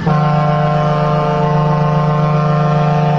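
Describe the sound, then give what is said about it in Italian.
A loud, sustained horn blast holds one deep, steady tone for about three seconds, brassy and unbroken like a truck or ship horn, with no voices. “Volevo mandarti questa trombata perché te la meriti tutta.”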